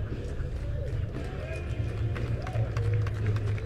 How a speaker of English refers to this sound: Crowd is applauding Ryan Fitzgerald, who is the designated hitter, for his work in going into the clubhouse to get a new pair of cleats for Sheehan.